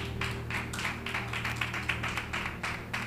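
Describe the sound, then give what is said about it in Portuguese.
An audience claps for Jesus, continuously, many hands producing a dense, steady patter of sharp bright claps at moderate volume, with a low steady hum underneath and no speech. “Com a salva de palmas a Jesus.”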